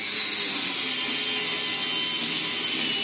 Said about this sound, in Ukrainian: Ми зараз от знаходимося в гаражі, і зараз хлопці прямо тут, вони практикуються ремонтувати дрони.